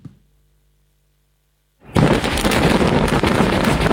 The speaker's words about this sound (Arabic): بهذا المشهد اهتزت مرتفعات علي الطاهر ليلا، كتلة نار هائلة ارتفعت فوق المنطقة بعدما فجر الجيش الإسرائيلي شبكة من المنشآت والأنفاق تحت الأرض مستخدما نحو 1100 طن من المتفجرات.